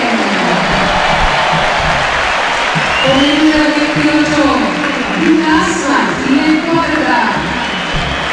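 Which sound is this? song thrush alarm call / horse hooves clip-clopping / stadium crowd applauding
stadium crowd applauding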